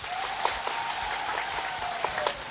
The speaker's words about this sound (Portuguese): Quero pedir uma grande salva de palmas para Salvador.